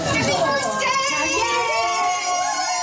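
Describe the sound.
Loud, continuous cheering and excited shouting from a crowd of adults, with children's high voices mixed in, sustained at a steady level throughout.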